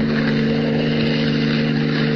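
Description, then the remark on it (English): A car approaching fast on the only road from the Sudbury airport, its engine humming with a steady, loud, droning roar, holding an even pitch and volume throughout, with no voices present. “His keen hearing detects an approaching motor, and he stands at rigid attention, every rippling muscle tense.”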